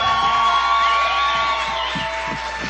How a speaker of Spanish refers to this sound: por favor, mega aplauso para ella.